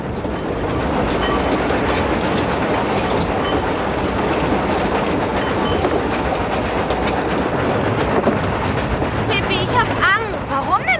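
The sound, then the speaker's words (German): A moving train rumbles loudly and steadily as it clatters over the rails, a dense, continuous roar, with a brief high squeal near the end. “Tommy und Annika sprangen auf die Eisenbahn, denn sie tun fast immer, was Pippi sagt.”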